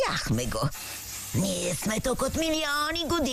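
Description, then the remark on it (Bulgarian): A short burst of aerosol spray hissing fills a brief gap between excited voices, a steady airy spray lasting about half a second before the talking resumes. “Опитахте спрей?”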